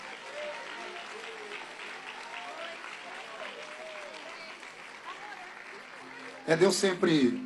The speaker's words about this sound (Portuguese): Glória a Deus. Podem aplaudir ao Senhor?